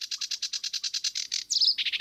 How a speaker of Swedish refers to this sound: Vi har en som sitter ute i vassen här som heter sävsångare. Det är ju väldigt tacksamt att ha dem för de sjunger i princip hela sändningen.